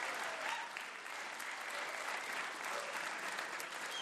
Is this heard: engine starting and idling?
no